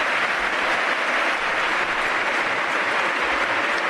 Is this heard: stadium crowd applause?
yes